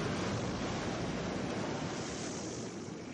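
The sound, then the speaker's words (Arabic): Loud, steady roar of storm wind and crashing sea waves around a boat at sea fills the whole clip, easing slightly toward the end as the wind dies down. No voices are heard. “ايه ده؟ الريح هديت، ربنا انقذها بصلاتك يا ست.”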